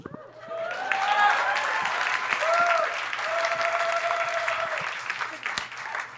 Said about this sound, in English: I am Indian. I'll hold for applause.